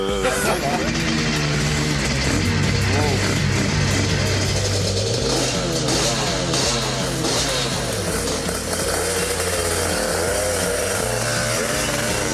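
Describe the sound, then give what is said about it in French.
A motorcycle engine roars steadily and loudly on the Murcie-Lévy circuit, its pitch climbing and dipping as the rider revs and shifts through the gears for the whole stretch. “Alors voilà, j'entre sur le circuit de Murcie-Lévy, au guidon d'une moto qui est mythique pour moi, parce que j'avais dans ma chambre d'ado le poster de Dominique Sarron sur sa RS 250.”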